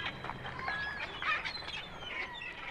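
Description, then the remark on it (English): A parrot squawks and chirps in quick, overlapping bursts, with shrill whistly calls over a busy background hiss, steady in loudness for a few seconds. “A patch on the eye, a squawking parrot, and lots of buried treasure.”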